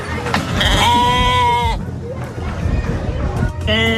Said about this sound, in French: Relativement simple. Une chèvre. Ouais, une chèvre, un mouton. Un mouton, truc, ouais, voilà, d'accord. C'est d'accord. Ça, un truc dans les prés, là.